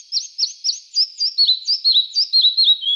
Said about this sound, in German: Ja, so klang er, der Zwergschnäpper, der Vogel der Woche, auf der Rabeninsel schwer zu sehen, weil er ist ja so klein.